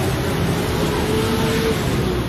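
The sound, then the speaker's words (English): Steady, dense city traffic noise with a continuous low rumble of passing cars, fairly loud, with no distinct horn beeps standing out and no voices. “We start walking back into the city amongst the cars, the beeping horns, and the people.”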